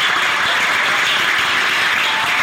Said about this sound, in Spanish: Aleluya, dale un fuerte aplauso.